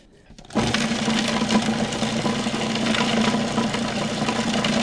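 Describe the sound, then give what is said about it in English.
After a brief quiet moment, a food processor whirs on abruptly, finely chopping (not pureeing) herbs including basil. It runs at a steady, loud motor drone with a gritty, buzzing chop for several seconds. “We are not pureeing. We are finely chopping.”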